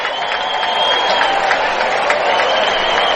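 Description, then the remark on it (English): A large baseball stadium crowd of Cardinals fans applauding steadily as the pitcher is taken out for a pitching change: a dense wash of clapping with scattered cheers blending into a continuous roar that holds at an even level throughout. “Nice round of applause by the Cardinal fans here as Brühl will be taken out now.”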